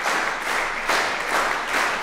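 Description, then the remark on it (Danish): A concert audience claps together in a steady rhythmic beat and whistles as the musicians bow after a string quartet performance, a dense wash of applause with regular pulses swelling roughly twice a second, loud and continuous throughout. “Men inden da, der skal vi i hvert fald lige have musikerne op og bukke endnu en gang for publikum, der klapper taktfast, kan I nok høre.”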